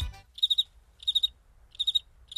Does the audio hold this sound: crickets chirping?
yes